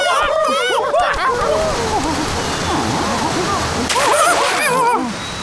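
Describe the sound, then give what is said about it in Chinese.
A waterfall rushes with a steady, loud roar throughout, while several excited voices chatter and call out over the water. “水真是好水，从那瀑布来，谁能去找到源头，我们就拜谁为猴王，如何？”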